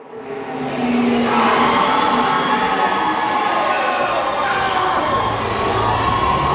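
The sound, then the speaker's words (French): A large group of teenagers cheers and shouts inside a large Bombardier aircraft finishing hangar in suburban Montreal, transformed for a competition, a dense, steady roar of many overlapping young voices that swells in the first second and stays loud throughout. “Il y a des adolescents un peu partout qui vont dans tous les sens”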